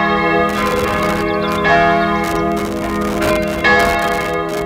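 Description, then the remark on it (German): The middle bell in a church tower rings loudly, its rich sustained tone humming continuously with repeated strikes layered over the lingering resonance, as its sound is analysed by a bell expert; no voices present. “Wir klettern auf den Kirchturm und analysieren den Klang der mittleren Glocke.”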